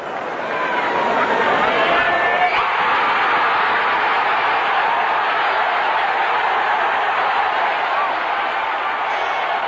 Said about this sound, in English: When 20-year-old Joy cleared 2.23 meters, or 7 feet 4 inches, he had beaten world record holder American Dwight Stones, who had no love loss with the Canadian fans. The home crowd of 70,000 went crazy.